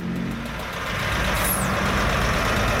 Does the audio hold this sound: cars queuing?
yes